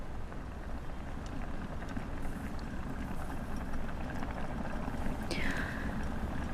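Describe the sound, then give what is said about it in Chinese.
A seafood clay pot boils steadily, a dense, even bubbling and crackling hiss that holds at the same level throughout, with a brief high tone sliding downward near the end. “哎，海鲜砂锅开了，海鲜砂锅开了。”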